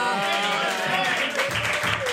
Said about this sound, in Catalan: No aplaudiu tant, no aplaudiu tant,